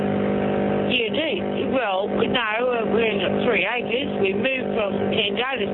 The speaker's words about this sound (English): No, you're mowing the lawn. You're mowing the lawn.